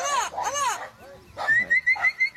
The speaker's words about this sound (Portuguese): que solta o som do papagaio boiadeiro. Papagaio boiadeiro aí na tela pra vocês, estão ouvindo a programação.